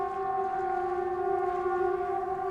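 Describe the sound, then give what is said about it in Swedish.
Sweden's 'Important message to the public' warning siren: a steady, loud signal holding a constant mid-pitched wail with layered harmonic tones, sounding continuously without rising or falling, with no voices. It tells people to stay indoors, close windows, doors and ventilation, and listen to Sveriges Radio P4. “Nej, viktigt meddelande till allmänheten. Håll dig inomhus, stäng fönster och dörrar och ventilation och lyssna på Sveriges Radio P4. Det är vad signalen betyder.”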